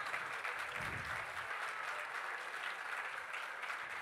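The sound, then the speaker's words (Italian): Steady applause from an audience at a Partito Democratico event for the new secretary of the Genoa Democratic Party, a dense, even wash of clapping that holds at a constant level for several seconds with no voices over it. “Io vorrei partire con un grande applauso per il neo segretario del Partito Democratico Genovese”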